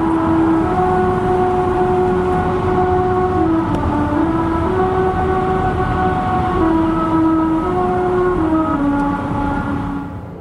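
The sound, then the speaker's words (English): A droning, buzzy melody rises and falls in steady pitch steps as car tires roll over grooves cut into the pavement of a singing road on Route 66 in the United States, carried on a loud, continuous road rumble for about ten seconds before fading slightly at the end. “The song is made by car tires passing over grooves cut into the road.”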